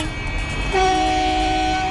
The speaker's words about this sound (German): Von draußen ist zu Beginn der Sitzung lautes Hupen zu hören. Eine Demonstration gegen die geplanten Windkraftanlagen des Unternehmens Ennertrag im Frankfurter Ortsteil Güldendorf.